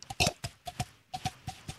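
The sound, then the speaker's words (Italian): A voice imitates horse hooves clip-clopping as a sound-effects demonstration, with a quick run of hollow tongue clicks in a steady trotting rhythm, about nine crisp knocks alone with no talking. “Il cavallo.”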